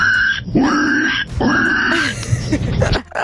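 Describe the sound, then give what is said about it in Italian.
A male caller to an Italian radio show mimics a pig with two long, nasal grunting squeals, each rising then falling, followed by a short burst of snorting grunts before it stops abruptly. “io so fare il verso del maiale.”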